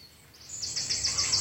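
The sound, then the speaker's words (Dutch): Noisy, high-pitched calls of grey heron chicks rise from a nesting colony in the Amsterdamse Bos, Amsterdam, a dense pulsing chatter of repeated squeals that grows louder and busier over the second, with no talking. “Er kwamen kuikens en die groeien als kool en ze maken heel veel lawaai.”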